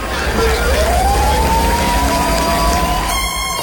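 A siren wails, its tone sweeping upward and holding high, over a loud, constant low rumble like a helicopter, with dense background noise throughout and no clear speech.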